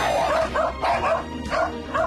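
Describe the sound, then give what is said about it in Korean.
A puppy barks in a quick run of about five high-pitched, yappy barks, loud and slightly uneven in rhythm, with no one talking over them. “앙팡이가 마당에 생긴 새로운 강아지 식당을 지키는 사이 방 안에서 먹는 강아지.”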